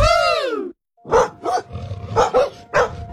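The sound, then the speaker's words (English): A dog snarls with a long, rising-and-falling growl, then after a brief pause lets out a run of five sharp, aggressive barks, loud, in uneven pairs. “If a dog starts barking or charging towards you, know what to do.”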